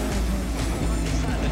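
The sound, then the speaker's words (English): A race car roars steadily through standing water on a wet track under braking, a loud continuous engine rumble layered with hissing, spraying water noise that surges in a few brief bursts. “Just a little wiggle from the car there. So much standing water around under braking.”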